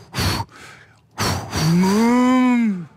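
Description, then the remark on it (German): A Pustertaler Sprinzen cow moos loudly: a short breathy grunt, then a long, rising and falling harmonic moo lasting over a second. No talking. “Ah, das sind wahrscheinlich dann doch Vierbeiner, Säugetiere, es sind Kühe.”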